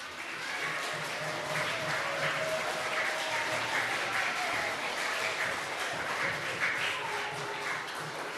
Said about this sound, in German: und ich hoffe, euch hat es auch gefallen und mit einem kräftigen Applaus sagen wir einfach nochmal Danke.